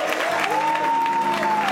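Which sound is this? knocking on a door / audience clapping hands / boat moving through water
audience clapping hands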